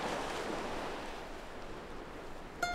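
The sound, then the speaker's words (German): Waves wash steadily against the rocky coast of Apulia in a continuous, hissing roar. No one speaks, and a brief tonal chirp cuts in just before the end. “Rund 800 Kilometer Küste hat Apulien. Felsen, Wellen, Strände und viel Platz.”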